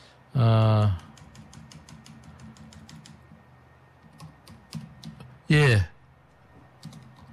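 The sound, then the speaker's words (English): Rapid, light computer keyboard typing clicks away in uneven bursts as someone types and looks things up, broken by two short, loud voiced sounds, one near the start and one toward the end. “I'm just typing up. And I'm looking up things.”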